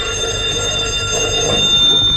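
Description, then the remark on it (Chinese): A telephone rings with a steady, shrill metallic tone that holds unbroken for a couple of seconds, fairly loud, with no one speaking. “您的电话。”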